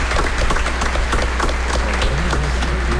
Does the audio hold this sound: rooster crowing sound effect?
no